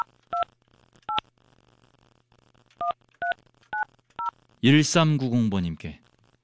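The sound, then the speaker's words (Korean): Six short telephone keypad tones beep one at a time at uneven intervals, clear, as a phone call is dialed to a listener who sent a text message, followed by a brief burst of a voice-like, warbling sound. “자, 이분에게 제가 전화를 한번 걸어볼게요.”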